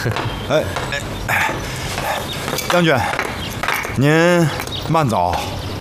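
A dog barks several times at irregular intervals, with one longer, drawn-out bark near the end, loud over steady background noise.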